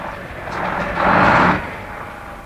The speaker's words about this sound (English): Downhill all the way to the beach. Cut your motor from here and run down in neutral.